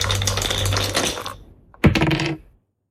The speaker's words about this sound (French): Allez, on est parti. On y va, on lance les dés. C'est parti.